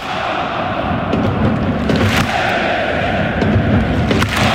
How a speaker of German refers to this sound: Was ihr gleich hört, habe ich gestern spät Nachmittag für euch mit 57.000 Fans ausverkauften Volksparkstadion aufgenommen. Mein Sohn war da mit mir. Die gesamte Nordkurve gibt nach dem Sieg gegen Freiburg allen zum Mitgrölen die drei Buchstaben HSV.